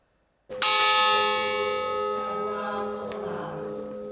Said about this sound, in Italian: I loro nomi vengono letti uno alla volta, scanditi dal rintocco della campana del Bois du Cazier, la miniera di carbone di Marcinelle.